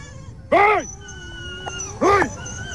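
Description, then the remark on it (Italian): Dogs bark twice at night during a night watch against wolves, about a second and a half apart: short, strong, slightly whining barks standing out over a quiet background hum. “Anche stanotte abbaiano i cani, inizia la veglia notturna antilupo, siamo tutti schierati in difesa delle nostre piccoline.”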